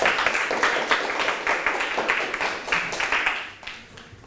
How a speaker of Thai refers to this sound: เข้าที่ครับปรบมือให้เพื่อน